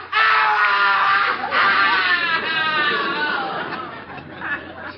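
A loud, drawn-out human scream from a cellar, shrill and wavering in pitch, runs nearly five seconds with brief catches of breath before trailing off slightly toward the end; no speech.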